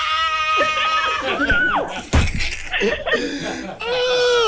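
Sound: excited scream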